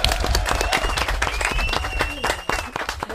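An audience bursts into sustained applause, a dense, steady wash of many hands clapping at once, loud throughout with a few faint voices mixed in.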